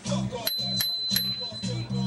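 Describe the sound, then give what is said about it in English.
A bell rings with a bright, sustained high tone, struck a few times in quick succession and ringing on, while voices carry on underneath at moderate volume. “Ooh, can you ring the bell?”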